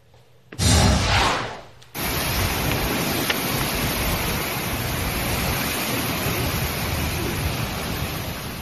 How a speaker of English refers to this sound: Those aren't the sounds you want to hear when you book a trip to Florida for vacation, right? But this was the scene yesterday in portions of Florida. Heavy rain, some gusty wind, and we have more tropical downpours, as you mentioned, in store.